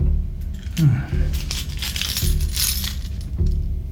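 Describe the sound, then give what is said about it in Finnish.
A bunch of keys found in a consulate courtyard jingles and clinks in a few short metallic rattles, over a low background hum with faint voice-like murmurs. “Kato, kun me löydettiin nämä avaimet konsulaatin pihalta.”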